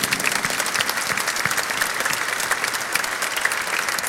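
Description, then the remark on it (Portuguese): An audience at a Mass at the Frei Galvão seminary in Guaratinguetá breaks into steady, dense applause welcoming the concelebrating priests, religious and authorities, many hands clapping at once in a continuous, even roar that holds at the same loudness throughout with no voices on top. “Acolhemos demais concelebrantes, padres, religiosos, religiosas que aqui estão, autoridades e todo o povo de Deus numa bonita salva de palmas.”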